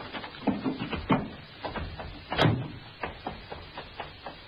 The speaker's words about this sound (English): I opened the door of the car.